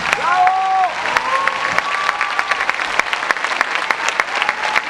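Steady applause from a crowd for an orchestra at a concert in Veracruz, dense clapping with sharp individual claps popping through, plus faint tonal sounds like instruments or cheering drifting over it.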